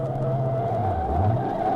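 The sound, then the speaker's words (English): A car skids to a halt on a road up into the Sierras, tires squealing in a steady high whine over a low engine rumble that dips and shifts as the vehicle slows, loud with no talking. “Stop the car, Pat. Hold it.”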